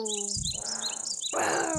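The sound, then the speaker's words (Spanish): Grasshopper chirping: a steady, shrill high-pitched trill with quick repeated chirps on top, fairly loud throughout, joined midway by a burst of rustling noise. “¿Con qué eres tú, chapulincito?”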